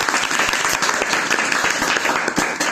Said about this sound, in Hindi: बहुत ही अच्छी कहानी, जोर से ताली बजनी चाहिए।